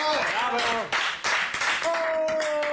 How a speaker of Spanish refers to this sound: ¡Aplauso para